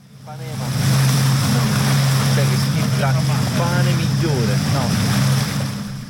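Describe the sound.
A steady wash of sea surf on the beach of Atakos, a small Greek island in the Ionian Sea, in summer, with a low droning boat engine running throughout and voices of tourists chatting and swimming on a busy beach.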